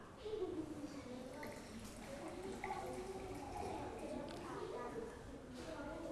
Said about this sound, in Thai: เดี๋ยวเด็กๆปลายทางมาดูนะคะว่าเพื่อนจะสามารถเทน้ำได้ในปริมาณที่ถูกต้องหรือไม่พร้อมไหมคะแก้วใบที่1ค่ะมีปริมาตรน้ำน้อยกว่าครึ่งแก้วเริ่มเลยค่ะ